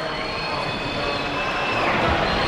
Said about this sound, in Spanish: Silbidos en el público porque hubo un cambio en el Real Madrid, se marchaba Carreras